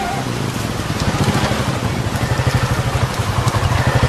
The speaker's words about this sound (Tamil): இந்த ராத்திரி நேரத்துல இந்த மழையில மாட்டிக்கிட்டனே.